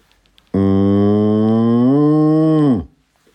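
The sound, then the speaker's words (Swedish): A single long, low moo from a calm cow, steady and unhurried, that lifts slightly in pitch before dropping off at the end. It is loud, with nothing else around it. “Och sen lugn ko då, eller?”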